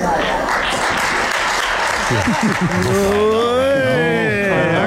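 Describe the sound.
Scattered, unenthusiastic applause from Spanish Prime Minister Pedro Sánchez's parliamentary deputies after he spoke to them this morning, fading into a man's voice speaking over the last claps.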